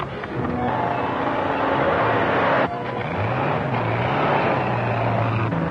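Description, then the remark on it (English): A car engine revs as the car pulls out from where a handcuffed man was left. Its low hum climbs in pitch and then levels off under a steady roar of motor noise, with no voices. “Car pulling out from where I left that fellow handcuffed.”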